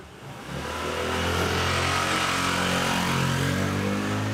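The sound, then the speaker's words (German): A motorcycle engine drones steadily, its pitch rising slightly as it revs, with a busy rumble filling a narrow street in Barcelona, Spain, and no voices heard. “Enge Gassen, jeder hängt seine Wäsche raus, überall fahren Motorradfahrer.”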